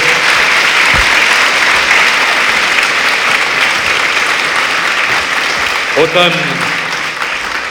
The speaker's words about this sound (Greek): Ένα χειροκρότημα νομίζω ήταν λίγο πριν.